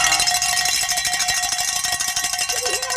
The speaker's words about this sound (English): Grab that bell. Oh. Give it a workout.